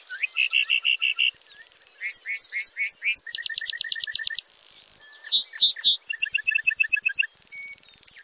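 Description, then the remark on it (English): A bunting sings a long, complex song while flying back down to earth, rapidly switching between fast trills, clear whistled notes and buzzy phrases, with no voices or other sounds. “Flying back to earth, the bunting belts out a complex series of trills, whistles, and buzzy phrases.”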